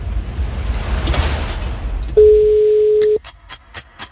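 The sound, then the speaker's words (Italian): The first ringing tone on a telephone call: one steady, mid-pitched beep lasting about a second, following a stretch of rushing line noise and trailed by a few faint clicks. “Primo squillo, sì.”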